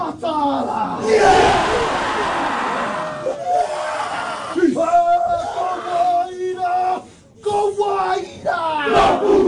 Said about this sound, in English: And seeing all the men's and all the boys come together just to do haka for Taniwha's, it's good as. The team and their coaches reciprocated haka from the crowd with their own.